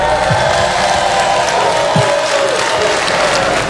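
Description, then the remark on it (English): Married audience members at a Kat Williams stand-up comedy show clap after being asked to make some noise, a steady, even wash of clapping that never swells or builds, with a faint crowd murmur underneath and no one speaking. “Who would ever want to be married with two mothers clapping like that?”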